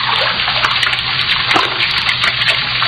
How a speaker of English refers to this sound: That sound. Running water. Over this way.